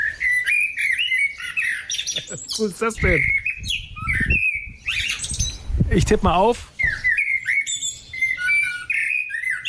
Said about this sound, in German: Amsel, liege ich da richtig? Also die Ornithologen in Schleswig-Holstein können sich gerne mal melden. Ich würde auf Amsel tippen. Sehr schönes Konzert.